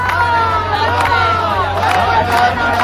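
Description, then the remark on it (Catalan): A large crowd at a massive, peaceful demonstration (120,000 people by organizers' count, 20,000 by the Guàrdia Urbana) chants together for a general strike, many voices blending into a loud, steady roar of sung shouts, with a few sharp accents breaking through at irregular moments. “Amb 120.000 persones segons els organitzadors, 20.000 segons la Guàrdia Urbana i amb un crit que es va escoltar diverses vegades.”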